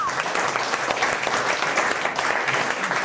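A crowd applauds steadily, a dense patter of many hands clapping at an even, loud level throughout, with no pauses and no voices standing out above it.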